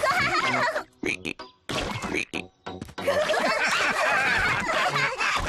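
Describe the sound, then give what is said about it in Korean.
Children's voices, Peppa and George, imitate frog croaks in a string of loud, throaty bursts separated by short pauses, ending in a longer stretch of croaking mixed with giggly sounds. “조지, 우리 개구리 흉내 내자.”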